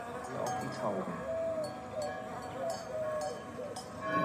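Cowbells on grazing cows clank and jingle at an irregular pace, several bright metallic rings overlapping, over a steady mix of background noise and faint animal sounds.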